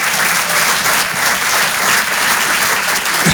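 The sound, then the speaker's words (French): An audience claps steadily for a few seconds, a dense, even wash of applause at a fairly loud level with no voices rising above it. “Donc on va recommencer et ça mérite un applaudissement.”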